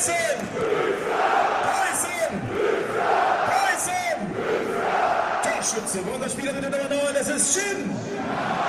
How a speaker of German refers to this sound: Jawohl, und auch bei 10.000 Fans hier im Preußenstadion auf der Baustelle kann die Stimmung so richtig hochkochen.